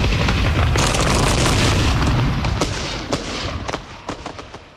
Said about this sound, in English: And those of them that aren't barbecued like a side of beef will feel their lungs burst like balloons as the fire heats up the air and their dream of conquest blows apart in the searing blast.